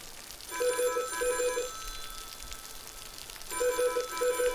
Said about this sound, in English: Oh yeah, ring ring. Hello, ring ring.